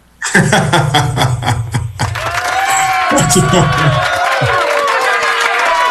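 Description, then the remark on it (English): A studio audience bursts into loud, sustained applause and cheering for a guest who has been married 28 years, with dense clapping and whoops from a crowd that keep going strong for several seconds. “Applaud him.”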